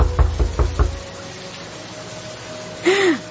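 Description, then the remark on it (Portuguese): Four firm knocks on the wooden door of a country house in the rain, in a quick, even rhythm, fairly loud, followed by quiet and a brief muffled vocal sound near the end. “Quem será que está batendo a porta essa hora?”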